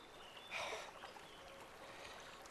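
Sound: gently flowing river water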